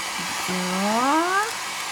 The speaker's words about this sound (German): ich gebe nochmal so einen kleinen Hauch Föhn auf meine Kresse drauf